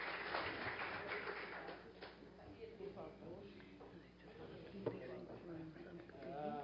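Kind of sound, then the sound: crowd, applause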